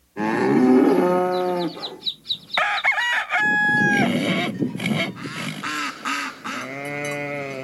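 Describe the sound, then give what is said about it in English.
A bull moos loudly in a long, low, droning call, then moos again at the end; between the two, a rooster crows and other farmyard birds cluck. No one speaks. “Did you hear that Farmer McDonald is getting a prize bull from Royal English Stock?”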